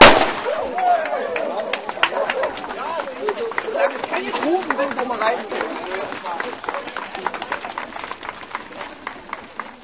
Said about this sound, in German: Der junge Mann hier wird dann fachgerecht mit der Pistole zeitgleich mit Höhenstedt den 5-Kilometer-Lauf den Start hier vollziehen. Achten Sie bitte auf den Knall und dann wünsche ich Ihnen recht viel Erfolg.